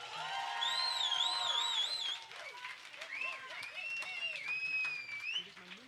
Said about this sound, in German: Jetzt bitte noch mal einen dicken Applaus, weil das war der zweite und letzte Tanzpart.